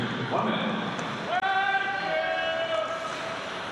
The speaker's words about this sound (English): I wonder what that fan was hollering about. You have to pick him up on our crowd mic. They're asking how much time is left.